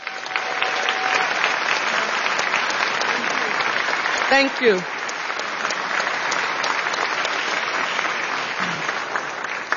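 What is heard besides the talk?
audience applause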